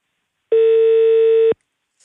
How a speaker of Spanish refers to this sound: Pesca el teléfono.